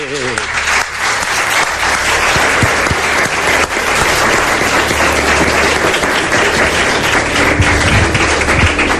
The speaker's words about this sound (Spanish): Acabas de hacerme muy feliz, acabo de cumplir un sueño. Te mereces un aplauso.